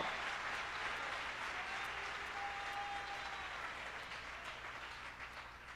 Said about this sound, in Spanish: Vamos a aplaudirle todos al Señor.